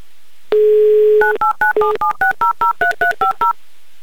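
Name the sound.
telephone dialing tones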